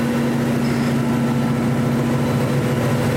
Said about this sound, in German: So, jetzt sind wir am sogenannten Rollenträger. Wir sind jetzt direkt unter der Druckmaschine. Das Papier läuft auf den Rollenträgern von hier unten nach oben zum Drucker, wo es bedruckt wird.